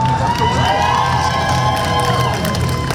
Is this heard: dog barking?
no